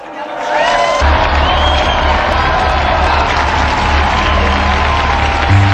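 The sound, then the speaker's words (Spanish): A church audience bursts into sustained applause mixed with cheering and whoops for the beatified Dolores and Consuelo Aguiar-Mella Díaz, the first Uruguayan beatas. It is a dense, steady roar of clapping that swells quickly and holds loud for several seconds, with some voices audible within it. “Unidos pues a esta iglesia, brindemos nuestro cálido aplauso a las beatas Dolores y Consuelo Aguiar Mela Díaz.”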